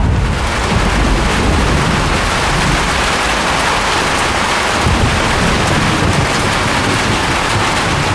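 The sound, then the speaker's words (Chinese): Heavy rain pours down steadily, a dense, continuous hiss that stays loud and unbroken throughout, with a faint low rumble underneath and no voices. “肯定是因为下雨，再加上线路老化导致的短路”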